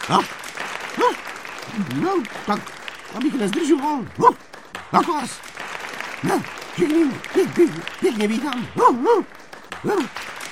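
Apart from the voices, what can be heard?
enthusiastic applause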